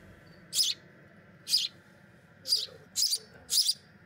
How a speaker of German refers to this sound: Diese Spatzen sind erst wenige Wochen auf der Welt.